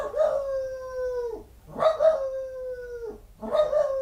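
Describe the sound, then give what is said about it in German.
A dog lets out three drawn-out, wavering howls with bark-like onsets, each lasting over a second with short pauses between, loud, with no talking. “Jetzt bellt er in fünfhiesige Jamba.”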